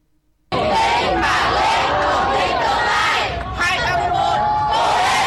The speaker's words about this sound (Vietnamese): Bước ra khỏi phòng thi, những tiếng vỗ tay cổ vũ của lực lượng thanh niên tình nguyện và cha mẹ phần nào động viên tinh thần thí sinh.